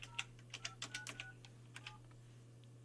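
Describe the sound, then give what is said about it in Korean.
A quick, uneven run of about a dozen telephone keypad presses, each giving a short dialing beep, fairly quiet, over a steady low electrical hum, as a landline number is dialed to call a listener's sister during a live broadcast. “자, 우리 언니에게 동생의 요청으로 지금 전화합니다.”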